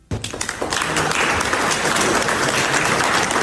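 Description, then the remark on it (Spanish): The G7 leaders clap for President Donald Trump after he signs a memorandum of understanding with Iran at the Palace of Versailles. The clapping starts sharply and is a dense patter of hand claps that holds at an even level for several seconds, with no voices rising above it. “Los otros presidentes del G7, los mandatarios del G7, lo aplaudieron así.”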